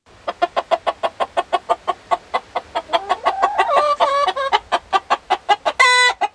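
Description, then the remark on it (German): A flock of hens and two roosters, standing in a circle, clucks in a rapid, steady rhythm, loud, with overlapping calls rising into excited squawks midway and a brief harsh crow-like cry near the end. “Die Hühner und die beiden Hähne stehen im Kreis und gackern aufeinander ein.”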